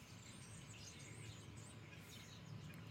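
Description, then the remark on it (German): Dense, continuous twittering of about 50 birds perched side by side on a mast right outside a studio, a faint chattering chorus over a steady low background hum, with no talking. “Also keine Ahnung, was das für Vögel sind, aber die sitzen hier alle direkt vor unserem Studio auf einem Mast nebeneinander auf der Stange.”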